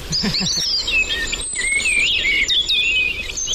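A common blackbird, identified by the Merlin bird-sound app on a phone, sings a continuous run of warbling, whistled phrases, with a steady high insect-like hum in the background and no voices.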